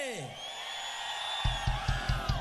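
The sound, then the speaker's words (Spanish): A loud crowd of men in an audience in Portuguesa, Venezuela, shouting and cheering together on the host's request in a dense, sustained roar, joined near the end by about five rhythmic low thumps, like stamping or pounding. “Vamos a ver, hombres, no me van a quedar mal, vamos a gritar de aquí a San Cristóbal por lo menos. ¿Sí? ¿Sí va? ¡Una bulla de los hombres que se escuche!”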